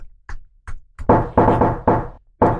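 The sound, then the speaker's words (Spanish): Imitated knocking on a door: three light taps followed by four louder, resonant knocks in an uneven rhythm, each ringing briefly. No one speaks. “Estoy haciendo el sonido de la puerta.”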